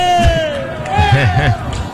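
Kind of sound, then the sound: crowd, employees shouting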